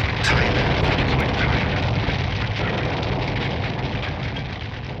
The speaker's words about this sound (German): Er sieht den Wagen von der Straße in ein angrenzendes Feld, als es einen lauten Knall und eine gewaltige Explosion gibt. Rauch, Trümmer, brennende Flugzeugteile.